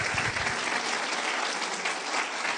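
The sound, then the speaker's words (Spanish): An audience applauds the Lord for his work in Mary, clapping together in steady, dense applause, a continuous wash of many hands at even loudness throughout, with no voices standing out. “Démosle un aplauso al Señor por la obra que hizo en María.”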